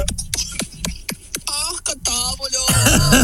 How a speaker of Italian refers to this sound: Io invece per. Come tattica. Io. Ogni volta che parla mi viene la tosse, cioè una cosa che sono allergico.